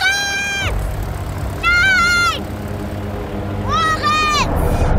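A steady low engine drone of an airplane rolling slowly out of a hangar onto the runway fills the background, while three drawn-out, wailing high-pitched cries rise and fall over it.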